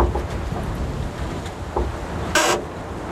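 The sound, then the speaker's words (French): Wind blowing through a forest in Slovakia: a steady, low, rushing roar with faint rustling, and one brief sharper hissing gust near the end. No voices. “Ambiance dans le vent slovaque, mais ici, vous êtes à l'abri.”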